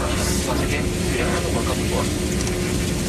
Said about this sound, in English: Dorothy, Rob, and I got into a small propeller plane and headed to Munda